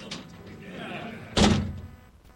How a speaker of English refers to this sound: Hey, but I have to incarcerate myself, which means I got to slam my door closed. So hang on one second. Big-ass door, hey. The big-ass door is right here. All right, here we go. Let's slam this door again.